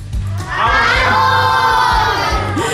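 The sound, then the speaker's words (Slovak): A group of children at a summer camp in a museum shout a greeting together in unison, a loud, sustained chorus of young voices, with a rhythmic low thumping underneath. “Je nás tu dosť, ako počujete, máme aj dobrú náladu, prebieha už druhý deň letného tábora v múzeu,”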